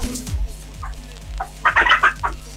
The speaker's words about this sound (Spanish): Están las gallinas volando arriba del techo.